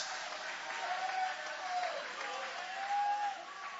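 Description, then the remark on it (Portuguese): An audience with raised hands applauds in a steady, dense wash of clapping that holds at an even level throughout, with faint voices and brief tonal cries rising over it. “Levanta a mão e vai aplaudindo, levanta a mão e vai glorificando.”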